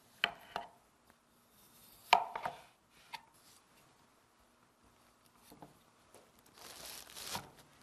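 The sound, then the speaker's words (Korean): A knife slices through floral foam in a few short bursts near the start, followed by quieter scraping and a longer rough crunching cut toward the end, with no one speaking. The foam is being cut to fit a basket for a flower arrangement. “칼로 플로랄 폼을 바구니에 맞게 재단을 좀 해서 넣어볼게요.”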